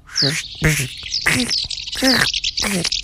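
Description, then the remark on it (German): A person vocally imitates the call of a house martin, producing about five short, buzzy, chirping bursts in quick succession, fairly loud, with no other talking. “Also, schönen Gruß auf dem Weg nach Afrika geht an dieser Stelle an die Mehlschwalbe. Ich versuche das jetzt mal in ihrer Sprache.”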